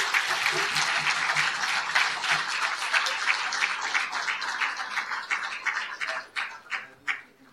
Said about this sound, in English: So please welcome Professor Ilan Pappe on his address on The Promised Land as Political Project, Deconstructing the Myth of the Greater Israel Vision. Ladies and gentlemen, round of applause for Professor Ilan.